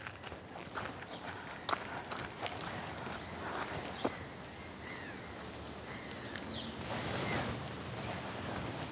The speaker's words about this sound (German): So. 1, 2, 3, 4, 5, 6, 7 Schritte. Ha, jetzt bin ich exakt auf der Luftlinie, also absolut exakt.